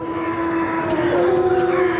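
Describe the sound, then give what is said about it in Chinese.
A wolf's long, sustained howl, calling the pack together to hunt, holds a steady, fairly low pitch and lifts slightly partway through. It carries loudly and alone for about two seconds, with no voices. “这声嚎叫是在召集狼群准备狩猎。”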